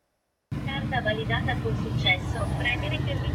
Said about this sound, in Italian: La voce metallica al casello è un lascia passare per la vacanza.